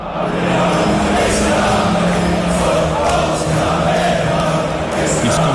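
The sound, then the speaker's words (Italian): A large crowd of English football fans sings a chant together at a well-known sports meeting place in Dallas before their team's match against Croatia, singing that it's coming home, meaning the World Cup; a dense, continuous wall of voices at steady loudness, many people in unison. “Prima della partita contro la Croazia a Dallas, in uno dei luoghi di incontro sportivi più famosi della città, i tifosi inglesi hanno ancora intonato questo coro.”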